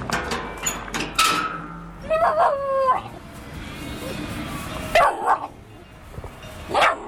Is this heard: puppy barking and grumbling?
yes